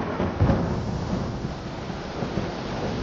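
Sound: heavy rain with thunder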